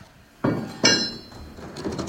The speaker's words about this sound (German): Die schweren Holzfenster werden geöffnet, um hier ein bisschen Luft reinzukriegen, beziehungsweise vor allem Licht reinzukriegen auch.